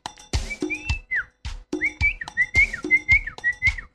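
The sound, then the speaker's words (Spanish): A person whistles a distinctive family signal call: a repeated series of short, rising-and-falling whistled phrases, clear, with brief pauses between them and some background noise. “Esos, cada uno tiene su silbo, ¿no? Característico.”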